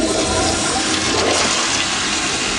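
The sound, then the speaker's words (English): A toilet flushes, a loud, steady rush of water that roars continuously through the short clip with no voices. “Your tax dollars are being flushed.”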